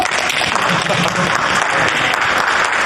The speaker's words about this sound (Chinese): 哎，大家伙注意了，那个，这就是咱们业界有名的唐晨大哥，大家鼓掌欢迎。